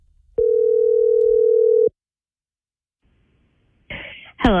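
A phone line rings out with one long, steady electronic ringback tone, followed by silence, then a clatter as the call is picked up and a voice briefly answers. The call is placed by The Matt Ryan Show.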